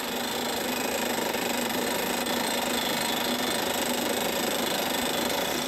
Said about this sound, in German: Die Löcher für die Verpresspfähle bohren die Spezialisten im Trockenbohrverfahren. Dabei wird der Bohrstaub mit Druckluft aus dem Bohrloch geblasen.